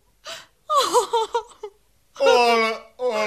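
A woman cries: a sharp gasp, then a run of choked, wavering sobs, breaking into a long, loud wail.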